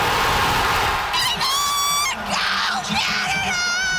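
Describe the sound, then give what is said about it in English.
A loud crowd of football fans cheers and screams in celebration of Team Canada's men's World Cup win, with shrill, sustained shrieks and whoops rising over a steady roar that lasts the whole four seconds. “And fans were so happy watching it all go down.”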